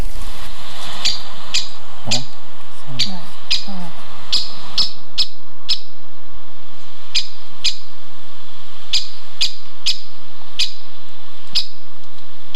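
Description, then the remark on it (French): A woodpecker gives sharp, repeated call notes at a steady, unhurried pace, each short and piercing, carrying clearly through quiet woodland with faint background birdsong early on. “Non, c'est un forestier, exclusif. C'est pas gros. La mésange ? Non, sont répétés, toujours le même à peu près. C'est le pic, pic, pic, pic, pic, pic et pêche.”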